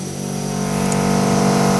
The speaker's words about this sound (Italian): C'è un po' di rumori sottofondo. È quello, purtroppo, no, stiamo facendo i lavori, non c'è... Lavori necessari.